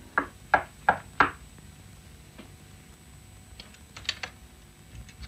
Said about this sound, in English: I came to the door of apartment 618, stood outside it a moment, and then knocked softly.